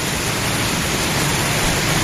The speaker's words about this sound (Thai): ที่บ้านถวายหางดงนะที่เชียงใหม่นะฝนตกหนักเลยเหรอฮะจริงดิในเมืองยังไม่ตกนะแถวแยกสนามบินยังมืดๆอยู่นะนะฮะตอนนี้พี่เขาส่งภาพมาดูนะนี่ฟังเสียงนะฮะโอ้ตกหนักเลยนะเนี่ย